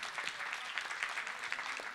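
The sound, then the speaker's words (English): An audience claps steadily as a pledge (sankalpa) to plant trees, a dense wash of overlapping hand claps at even loudness with small swells, no voices standing out. “A tak si dejme sankalpu, že clapping.”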